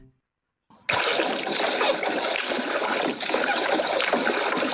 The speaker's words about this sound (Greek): Με το που το ακούω, καταλαβαίνω ότι είναι νερό. Ακούω όμως και κάποιους ήχους σαν πλατσουρίσματα, κάποια παιδιά να παίζουν. Οπότε μήπως βρισκόμαστε στη θάλασσα? Ακριβώς, βρισκόμαστε στη θάλασσα